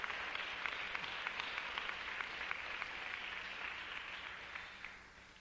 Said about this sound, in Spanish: Dele un aplauso al que vive.